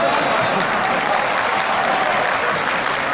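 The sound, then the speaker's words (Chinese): A large audience claps steadily throughout, a dense, even wash of applause that holds at full strength for the whole few seconds without fading. “小班一跨上台说话，谁给我鼓掌，我管谁叫爸。”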